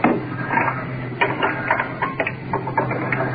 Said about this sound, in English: Changing oxygen cylinders. Mask off temporarily. Trying to get the new one on.